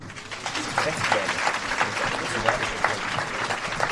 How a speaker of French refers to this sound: Applaudissements à la fin du film et questions pour le réalisateur par les élèves de seconde et de terminale.